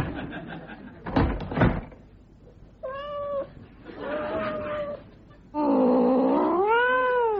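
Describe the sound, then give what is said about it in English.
A cat named Tiddles meows three times after a short thud, each call rising and falling, the last one loud, long and wailing, with no one speaking. “if you are the guest of someone who owns a cat, you'd better watch out.”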